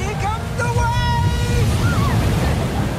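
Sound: ocean waves and surf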